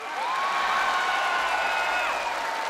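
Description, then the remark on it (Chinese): A large audience claps steadily and loudly, with shrill cheers and whoops rising over the applause for the whole stretch, no pauses, as a performer asks the women of Liaoning in the audience to applaud. “这回我说辽宁的大姑娘， 说 模样俏，形象美，跟我一样大长腿，姐妹们鼓掌吧，掌声多长腿多长。”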